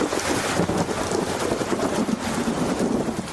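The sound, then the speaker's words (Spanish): Heavy rain pours steadily with thunder in Mérida, Extremadura, Spain: a dense, constant hiss mixed with a gusty, wind-like roar and a faint low rumble underneath; no voices, fairly loud throughout. “Es el caso, por ejemplo, de Mérida, donde no para de llover y de tronar.”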